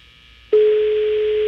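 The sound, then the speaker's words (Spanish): A single steady telephone ringing tone on an outgoing call, redialling a pastor's phone, one long flat electronic beep lasting about a second after a brief quiet line hiss, fairly loud and with no talking. “Está sonando el teléfono del pastor.”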